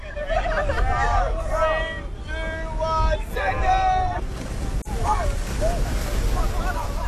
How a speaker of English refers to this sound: It's 6 a.m. and I've just got down to the beach here in Newcastle. It's dark, windy and cold. But dozens of young people are stripping off into their swimmers and cannonballing into the Merriweather ocean baths.